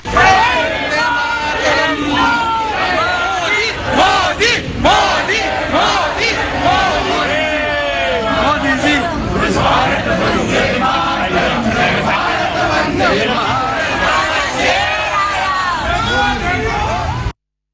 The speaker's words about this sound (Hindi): प्रवासी भारतीयों और डच सैनिकों द्वारा सांस्कृतिक और संगीतमय प्रस्तुतियों के साथ उनका भव्य स्वागत किया गया। इसके बाद पूरा स्थल मोदी मोदी और वंदे मातरम के नारों से गूंज उठा।